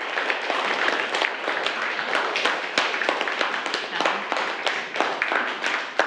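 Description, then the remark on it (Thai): A group of school students in class applauding together to give thanks for a video they were shown, a dense steady patter of many hands clapping at once for several seconds, with faint voices mixed in underneath. “ขอบคุณสื่อวินิทัศน์ดีๆนะคะปรบมือให้แสดงการขอบคุณด้วยค่ะลูก”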